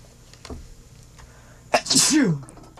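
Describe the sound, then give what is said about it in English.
A single loud sneeze bursts out after a quiet moment, with a sharp intake and a breathy, descending exhale lasting under a second. “I, like, lost my train of thought after I tactically sneezed.”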